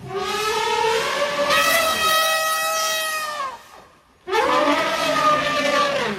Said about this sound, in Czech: Sloni pomocí chobotu vydávají různě intonované zvuky.